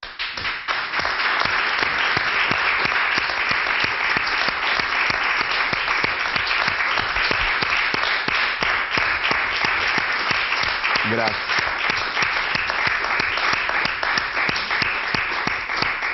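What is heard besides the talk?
audience applause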